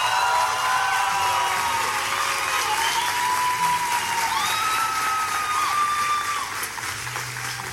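A crowd applauds loudly and steadily, dense clapping that fills the whole stretch, with a few bright whistles or cheers rising above it before it eases slightly at the end.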